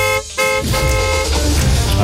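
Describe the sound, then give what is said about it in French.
A loud car horn honks as the start signal of a contest on RMC radio, whose prize is a car and a year of fuel: a brief blast followed after a short gap by a long, sustained honk lasting nearly two seconds, with no one talking. “Dès que ce signal sonore retentira.”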